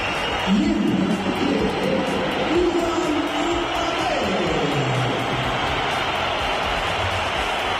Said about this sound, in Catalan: Aquesta és la xiulada i l'esbroncada que va rebre el nom de Kylian Mbappé quan es va pronunciar el seu nom ahir al Bernabéu